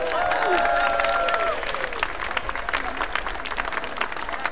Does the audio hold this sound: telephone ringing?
no